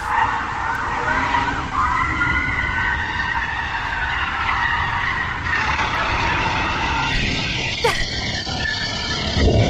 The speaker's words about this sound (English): That's in a suburban street. That's the police car chasing the felon.